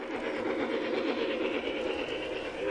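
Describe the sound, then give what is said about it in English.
Model trains rumble steadily along their tracks with a continuous whirring hum and faint rhythmic clicking, moderately loud, with no voices, on a massive model train setup with hyper-realistic scenery at the entrance of a train expo in San Antonio's Church Expo Hall, assembled by a group called Tin Plate Trackers. “The trains held the attention of young and old as they trundled around the tracks.”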